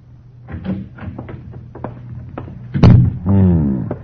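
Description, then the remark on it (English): A door to the living room of a house on the north side opens, heard from the kitchen at night: a series of light clicks and rattles, then a sharp loud knock or thud, followed by a drawn-out, pitched creak of the hinges. No one speaks. “As the door to the living room opened and another man approached, he looked up from the cards.”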